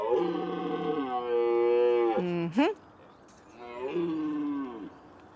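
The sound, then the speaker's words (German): Red deer stags roar during the rut at the old pheasantry (Alte Fasanerie) in Hanau: two long, loud, deep bellows, the first lasting over two seconds and ending in a falling groan, then a shorter one after a brief pause. “Die Hirsche rühren wieder. Wir gucken nämlich nach der Hirschbrunft zusammen in der alten Fasanerie in Hanau.”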